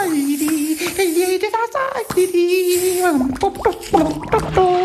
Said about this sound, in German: Der kleine König rast ins Badezimmer, plätschert herum, trällert.